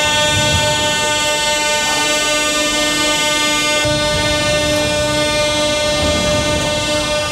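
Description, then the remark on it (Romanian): A loud, steady rumble of a metro train running through a metro station in Kyiv, with a sustained droning whine and hum over it, continuous throughout with no voices, while thousands of people shelter in the stations during air-raid sirens. “Mii de oameni s-au refugiat în stațiile de metrou.”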